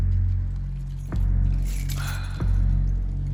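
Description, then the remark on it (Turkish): A bunch of pickup truck keys jingles and clinks for a second or two as they are handed over, bracketed by a couple of sharp clicks, over a steady low rumble like an idling vehicle. “Kamyonetinin anahtarlarını bana ver.”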